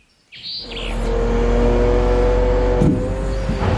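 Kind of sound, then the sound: vehicle, trucks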